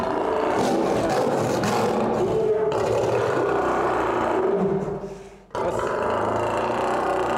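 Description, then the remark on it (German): An angry male lion behind an old, 100-year-old wire-mesh fence roars and growls loudly, a raw, continuous rumble that breaks off briefly near the end before surging back. No one speaks. “Der alte Maschendrahtzaun sieht mit einem wütenden Löwen dahinter nicht gerade vertrauensvoll aus.”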